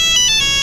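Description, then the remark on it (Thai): A snippet of an old Nokia mobile phone polyphonic MIDI ringtone, bright synthetic notes pulsing in a quick melodic pattern, loud and clear with no voices over it. “ไอเสียงลิงโทนในสมัยก่อนที่ดังมากๆนี่ถ้าสมัยก่อนเนี่ยคือถ้าต้องเสียงนี้เลยนะครับบ้านคุณรวยมากมีโนเกีย”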